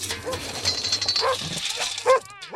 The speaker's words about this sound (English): And the one behind that barking dog who's in her house right now is Booty.